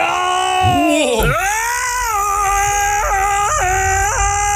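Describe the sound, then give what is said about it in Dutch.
A person lets out a loud, drawn-out vocal roar in imitation of a lion, its pitch swooping up and down, ending with three quick warbling breaks in the voice; one of several roars sent in by listeners. “Nou, dit zijn een paar brullen die binnen zijn gekomen.”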